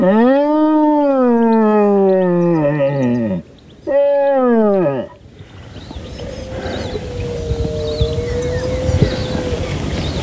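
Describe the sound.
A deer horn blown to mimic a stag's roar and draw a stag out: a long, loud, groaning bellow that falls in pitch, then a shorter second burst, followed by quiet outdoor ambience.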